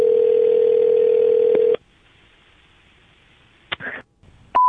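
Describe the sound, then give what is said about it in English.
A steady telephone dial tone hums loudly for under two seconds as a phone call is placed, then cuts off to a quiet line with a few clicks and a short burst, ending on a new beep-like tone. “So I'm going to call and leave a message for her boss that is impossibly long.”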